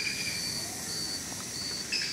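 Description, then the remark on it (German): Dense, steady rainforest ambience: shrill insects buzz and trill in sustained high bands over a broad hiss, with faint scattered chirps and no talking. “Du merkst sofort die ersten Schritte im Regenwald, dass dieser Regenwald eine ganz andere Performance hat wie ein deutscher Wald.”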